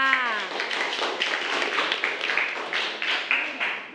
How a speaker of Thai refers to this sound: ขอบคุณค่ะ ขอเสียงปรบมือกับไวพลัสค่ะ